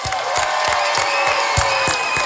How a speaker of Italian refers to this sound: Grazie a Radio Subasio. Possiamo fare un applauso a Radio Subasio, per favore?